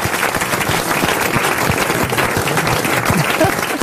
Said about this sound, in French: Allez, vous pouvez applaudir Marc-Antoine Lebray, bien sûr.